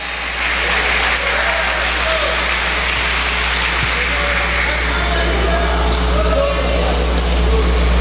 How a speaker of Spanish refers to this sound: Dale palmas a Él.